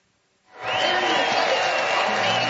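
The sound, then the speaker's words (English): After a brief silence, a large crowd at Las Vegas Motor Speedway erupts into a loud, sustained roar of cheering and applause after a race win, holding steady and filling the space without a break. “Somewhere within a big cloud of smoke rests the race-winning car of Chase Briscoe as he climbs out, waves to a huge crowd here at Las Vegas Motor Speedway, and an amazing Sunoco post-race burnout.”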